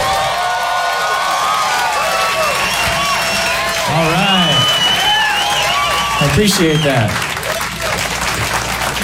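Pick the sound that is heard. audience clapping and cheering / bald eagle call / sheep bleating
audience clapping and cheering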